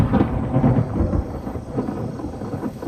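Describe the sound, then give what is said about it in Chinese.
A deep, rolling rumble of thunder fills the scene as rain starts, with the steady hiss of rain falling throughout. Loud, it swells and lingers without any voices. “行了，你别打我了，下雨了，带你去避避雨，走。”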